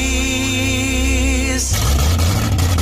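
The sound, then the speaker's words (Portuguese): A loud engine of a classic car or motorcycle idles with a steady, even hum, then shifts abruptly into a rougher, noisier rumble for the last second or so, with no one talking. “Décimo encontro de carros antigos e exposição de motos clássicas e dois tempos em Jales.”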